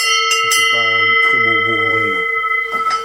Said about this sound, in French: Donc du coup, il mettait une cloche tout l'hiver. Et au printemps, en fait, avec le son de la cloche, ça lui permettait de reconnaître son veau.